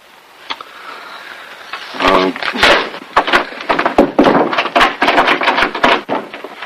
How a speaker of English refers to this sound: Jim butts his shoulder and hip against the wooden door.